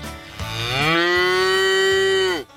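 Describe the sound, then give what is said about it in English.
A single long cow moo, loud, rising in pitch at the start and holding steady for about two seconds before cutting off abruptly, presented as the first contestant of the Inspire FM Animal Talent Show. No talking is heard. “And our first contestant is a cow.”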